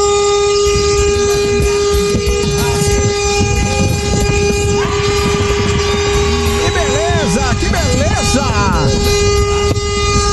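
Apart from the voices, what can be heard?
vehicle horn honking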